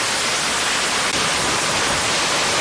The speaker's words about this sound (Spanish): Es una tormenta local. Vamos a escuchar el sonido para que la gente que nos sigue en radio escuche nada más la cantidad de agua y aire que azotó justamente esta tarde en inmediaciones de San Sebastián Tutla y en el fraccionamiento del Rosario.